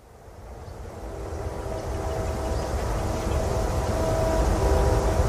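A train rumbles along railroad tracks, a steady low roar that grows gradually louder as it approaches, with faint tonal whines riding over the heavy mechanical noise and no voices.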